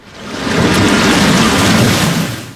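A thunderstorm: heavy, steady rain hissing loudly with a deep rumble of thunder underneath, swelling in and fading out over a few seconds, with no voices.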